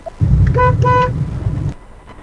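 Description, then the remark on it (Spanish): Two quick car horn honks in a row, loud and brassy, over the steady low rumble of an idling engine that cuts off shortly after. “Estoy afuera, ¿cree que toque bocina?”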